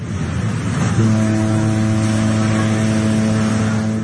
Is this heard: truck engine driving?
yes